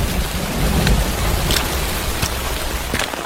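Light rain falls steadily at dawn over a village landslide site, in a continuous soft hiss, with scattered drops tapping and a low rumble underneath; no voices are heard.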